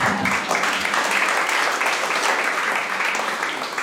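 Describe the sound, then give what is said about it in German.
An audience gives itself a round of applause: a dense wash of many hands clapping at an even loudness for the whole stretch, with no voices standing out. “Sie können sich auch selbst einen Applaus geben.”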